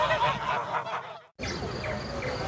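A flock of geese honks continuously, with overlapping calls, fairly loud, broken by a brief silent gap midway before the honking resumes.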